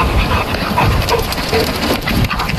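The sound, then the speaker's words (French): Loud breathing from a dog runs throughout, mixed with the rapid, fluttering beat of a duck flapping its wings, creating a dense, steady rush of noise with no voices. “Vous allez entendre le chien qui respire et le battement d'ailes du canard.”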